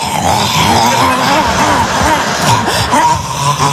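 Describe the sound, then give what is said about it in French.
A voice imitates a dog gobbling the last scraps from its bowl, a steady run of loud, wet grunting and snuffling noises with wobbling pitch lasting a few seconds. “On dirait un chien sur une fin de gamelle.”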